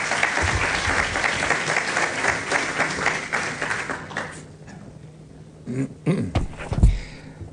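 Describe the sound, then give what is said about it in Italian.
Sustained crowd applause as Italian Minister Gianmarco Mazzi is called onto the stage: dense, rapid clapping for about four seconds, then fading out, followed by a few scattered voices and brief vocal sounds. “e qui entra in gioco anche il Ministero del Turismo, e chiamo sul palco e vi chiedo un altro applauso il Ministro Gianmarco Mazzi, grazie.”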